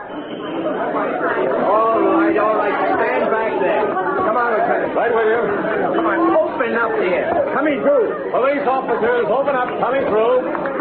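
A large crowd of onlookers gathered at the scene of a fray, a steady, dense babble of many overlapping voices chattering and murmuring at once with no single speaker standing out, holding at an even, fairly loud level throughout.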